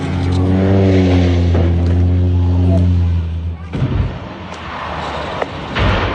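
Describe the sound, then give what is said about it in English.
A seaplane's propeller engine drones loudly and steadily for a few seconds, then gives way abruptly to a harsh, rushing burst of noise as the plane, carrying 10 passengers and a pilot, crashes into the water off the coast of Washington State, about 90 miles north of Seattle, and bursts into flames. “That social media sound of a seaplane going down off the coast of Washington State, about 90 miles north of Seattle.”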